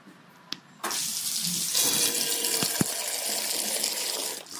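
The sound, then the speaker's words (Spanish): Cider gushes from a barrel into a small glass at a cider house (sidrería) during txotx season, in a steady, hissing stream for nearly four seconds, starting and stopping abruptly, leaving the glass frothy, with a brief click or two along the way and no voices. “Entonces se queda así todo espumoso el vasito en estos momentos y ya de un trago, ¿eh?”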